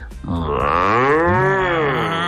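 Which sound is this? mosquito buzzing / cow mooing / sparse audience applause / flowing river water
cow mooing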